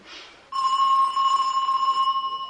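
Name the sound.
doorbell ringing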